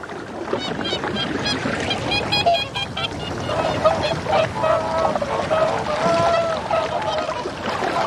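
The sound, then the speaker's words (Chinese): A flock of whooper swans on Argyll island in early spring calls steadily, many overlapping bugling honks layered into a dense, continuous chorus with a few clearer, higher trumpeting notes standing out. “对适应力强的大天鹅来说，在这里生活再好不过了。”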